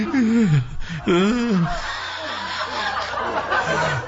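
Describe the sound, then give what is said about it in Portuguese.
A person mimics snoring with their voice, two drawn-out wavering bursts, followed by quieter murmuring sounds and faint background noise. “ronca, ronca lá.”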